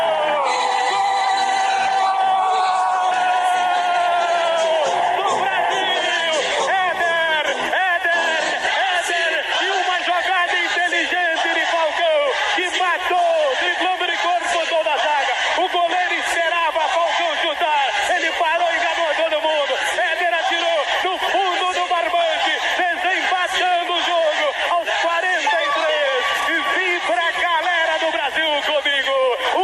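A dense crowd of Brazilian football fans celebrates in a stadium in Seville after the final whistle, a continuous roar of chatter, shouts and whoops blending into a loud, steady wash of cheering that carries on throughout.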